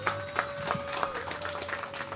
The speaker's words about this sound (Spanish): Fuerte aplauso para él, por favor.